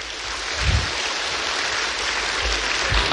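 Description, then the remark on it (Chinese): Sustained applause from a large audience welcoming a speaker to the stage at a ceremony, a dense steady wash of clapping for a few seconds with no one speaking. “让我们掌声有请全国优秀共产党员、全国人大代表”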